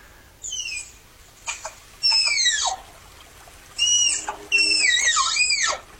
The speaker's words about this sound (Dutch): We hebben ook een geluid van die tapir.